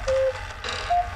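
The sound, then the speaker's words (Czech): A cuckoo clock calls three times, clear, steady mid-pitched notes with uneven gaps between them, sounding over a low background hum with no voices. “Kukačka třikrát zakukala.”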